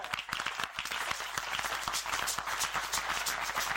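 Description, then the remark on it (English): A crowd applauds steadily, many hands clapping in a dense, continuous patter that holds an even loudness throughout. “You will clap better when I finish.”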